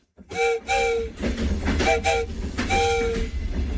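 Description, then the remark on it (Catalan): A train on the railway between Barcelona and Mataró rumbles along the rails with a steady low roar, while sharp, high-pitched metallic squeals rise in repeated bursts above the rumble. No voices are heard. “L'any 1848, Barcelona i Mataró quedaven connectades per ferrocarril. Era el primer ferrocarril de la península Ibèrica.”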